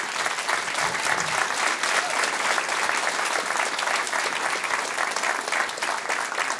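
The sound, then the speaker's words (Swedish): Steady, enthusiastic applause from an audience for Kjell-Erik Eriksson: dense clapping sustained at an even, fairly loud level throughout, with no voices breaking through. “Varm applåd till Kjell-Erik Eriksson.”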